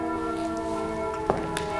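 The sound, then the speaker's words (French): Church bells ring steadily at noon with a rich, sustained metallic hum, overlapping tones blending into one continuous resonant wash, with a sharper strike standing out briefly; no voices. “Avec les cloches, et ce sont les cloches de quelle église, ça, hein?”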